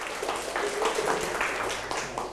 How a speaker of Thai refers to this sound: ถูกต้องครับปรบมือให้เพื่อนหน่อยครับ